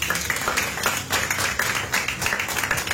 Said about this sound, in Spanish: Denle un aplauso de palmas fuertes a nuestro Dios.